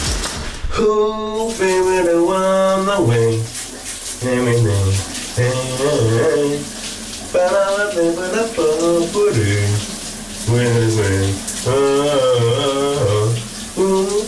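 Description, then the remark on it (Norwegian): A man sings a quiet, subdued melody with wavering sustained notes in the shower in the morning, while a steady hiss of running shower water fills the background throughout. “men den er også sådan lidt stille sangen, som han i dag synger i bruseren.”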